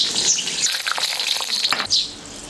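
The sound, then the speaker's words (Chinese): Hot oil sizzles and crackles steadily as bamboo worms, taken from inside bamboo stalks, deep-fry in a pot, a dense hiss with scattered popping bursts and no voices. “竹子里面这个竹虫，那个竹子呢长得结结断腿了，就证明那棵竹子不健康了，就这个虫在里面，所以说我们用刀一砍开，它就长在里面，我们拿出来，拿来下一锅炸出来是很好吃。”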